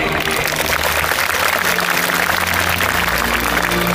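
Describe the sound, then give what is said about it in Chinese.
A steady wash of clapping from a large crowd congratulating graduating students at the Tsinghua University graduation ceremony in June 2023, dense and even, holding at a strong level for several seconds with a low hum underneath and no voices. “让我们以热烈的掌声祝贺各位同学。”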